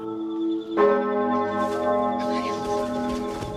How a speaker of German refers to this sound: Die Glocke.